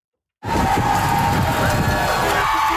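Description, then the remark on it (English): After a brief silence, a crowd bursts into loud, sustained cheering as a team's players celebrate a playoff win, a dense roar of shouts and high-pitched whoops that holds steady to the end with no clear speech. “And we also heard the CBC's Kwabena Oduro caught up with the players as they celebrated to hear what the win means to them.”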